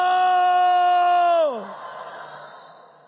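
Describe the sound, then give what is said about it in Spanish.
A loud, sustained shout from a group of listeners during a Bible reading about all Israel shouting when the ark of the covenant reached the camp, held at one pitch for about a second and a half, then sliding downward and breaking off, leaving a quieter background murmur. “Mire el tipo de grito que dieron.”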